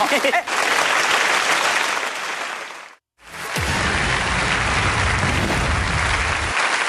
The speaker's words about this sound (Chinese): 谢谢大家热情的掌声。 哎，谢谢。